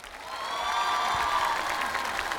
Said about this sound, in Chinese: 谢谢，来，掌声给他们。